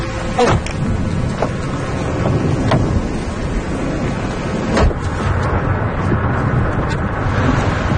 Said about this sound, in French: Là, on est vraiment au cœur de l'orage. Ouais. Là, il y a la pluie, le vent, les éclairs. Là, on voit plus rien.